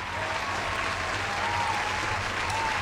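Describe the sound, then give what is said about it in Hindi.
Steady applause from a crowd fills the whole stretch, a dense continuous patter of many hands clapping at once, fairly loud and even throughout with no talking over it. “तो यार, जितने लोगों ने लिख के जवाब दिया या और जितने लोगों ने भी मुझे मैसेजेस भेजे, सबसे पहले आप सबके लिए तालियां हो जाएं.”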